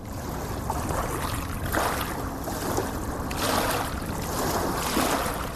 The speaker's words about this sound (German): Wenn man den Sand sägen hört und das Schlurfen der kleinen Steine in langen Wellen, soll man aufhören zu sollen und nichts mehr wollen wollen, nur mehr, nur mehr.